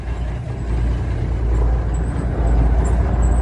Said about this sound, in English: That's a semi-truck. He said two semi-trucks.